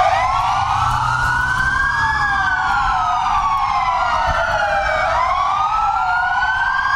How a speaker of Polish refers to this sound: W całej Polsce zawyły policyjne syreny. Mundurowi oddali hołd zastrzelonemu funkcjonariuszowi z Dolnego Śląska.